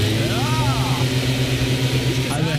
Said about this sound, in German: War der Laubbläser, habt ihr gleich erkannt. Das ist für mich das nervigste aller Herbstgeräusche, wobei ich fairerweise dazu sagen muss, dass die ja inzwischen auch als E-Laubbläser oft, und dann klingen die nur noch wie so ein Föhn.